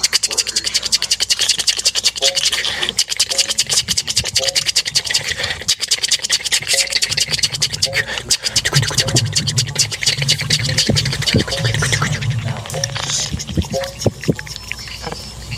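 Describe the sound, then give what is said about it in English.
Dense, rapid scratching and skittering across wood, imitating countless tiny termite feet. It stays busy and fairly loud throughout, with a low rumble swelling underneath midway. “Make the sound of 10,000 tiny feet on wood.”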